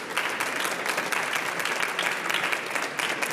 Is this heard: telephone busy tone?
no